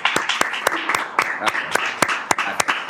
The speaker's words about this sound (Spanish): Bueno, ahora sí, un aplauso.